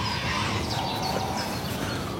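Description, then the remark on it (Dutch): A dense, steady chorus of nesting birds calling over one another, harsh and almost growling, with faint higher chirps flickering through a rough, continuous wash of sound. “Het is een scala aan geluiden. Ja. Ja, soms grommen ze bijna, hè?”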